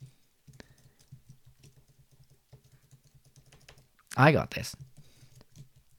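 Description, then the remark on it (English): Steady, rapid clicking of someone typing on a computer keyboard, fairly quiet, running for several seconds before a brief loud vocal burst cuts in near the end. “And then I've just had a complete mental blank on what I was supposed to be typing.”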